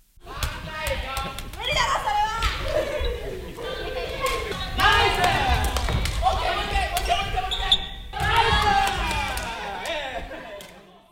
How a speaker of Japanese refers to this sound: さらに試合練習になるとチームで声や拍手が出て盛り上がります。